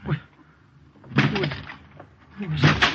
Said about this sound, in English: What right are you coming in like this, breaking down the door?